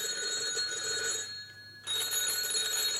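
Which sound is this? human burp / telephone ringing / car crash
telephone ringing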